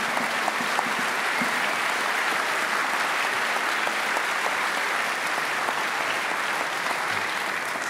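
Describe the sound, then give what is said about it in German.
A large audience at a music festival concert applauds steadily to congratulate a musician on a jazz scholarship, a dense, sustained wash of clapping hands that stays loud and even for the whole stretch, with no voices standing out. “Riesen Applaus für”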